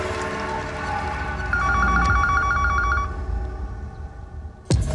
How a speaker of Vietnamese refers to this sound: điện thoại.